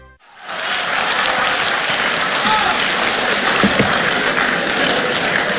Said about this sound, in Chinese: 谢谢您热情的掌声啊。 哎， 能再热烈一点就更好了。